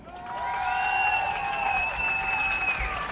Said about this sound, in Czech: Doufám, že to bylo pořádně slyšet, ale myslím si, že stejný potlesk dostaneš, až budeš scházet z pódia, takže si to když tak zopakujeme.